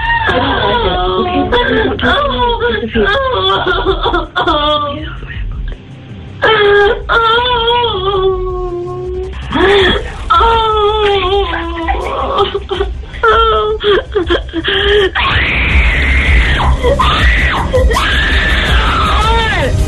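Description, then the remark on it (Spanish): Harrowing human screams and wails rise and fall continuously, loud, with strained sliding pitches, moaning and whimpering between the louder cries, and voices blending into the anguished chorus. “Tremendo, esos gritos desgarradores, ¿no?”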